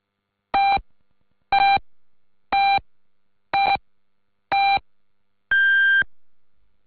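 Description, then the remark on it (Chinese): A radio time signal marking 14:00 Beijing time: five short, evenly spaced electronic pips one second apart, then a longer final tone at a slightly shifted pitch. Clear and prominent, with no voices. “北京时间14点整。”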